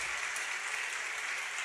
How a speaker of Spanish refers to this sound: Bueno, si van a aplaudir, aplaudan, hermanos.